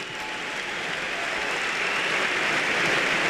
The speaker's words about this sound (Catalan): Però d'immediat aquests xiulets es converteixen en aplaudiments.